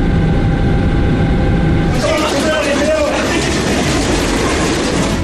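A train derails and overturns during a magnitude 6.8 earthquake: heavy, loud rumbling gives way to a sudden burst of clattering, grinding metal with a brief screech partway through, continuing as a dense roar to the end.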